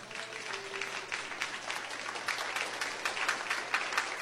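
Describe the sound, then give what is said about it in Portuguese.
Sustained applause for Jesus from a large group during a sermon fills the whole stretch, a dense, steady patter of many hands clapping with no one speaking over it. “Palmas para Jesus.”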